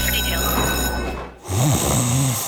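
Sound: snoring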